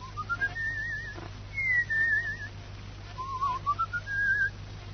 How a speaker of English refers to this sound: You know, people fall asleep if you whistle that way.